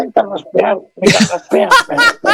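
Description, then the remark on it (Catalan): A voice clears its throat in a string of rough, voiced rasps, several short bursts in quick succession, fairly loud and harsh, with brief pauses between them. “Me hacen carraspear.”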